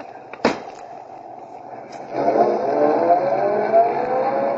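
A sharp thud like a car door shutting, then a car engine starts up and rumbles steadily as the car is driven slowly forward into a garage. No one speaks.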